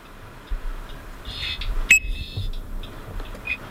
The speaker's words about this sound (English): It was both of those things, and in the background, one of the Ecuadorian frogs, recorded by researcher Santiago Aron.